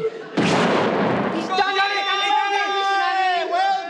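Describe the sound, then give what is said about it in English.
A hand grenade thrown by a commander at a firing range explodes in one loud, roaring blast that lasts about a second, then gives way abruptly to several voices shouting and calling out together. “He's thrown the grenade.”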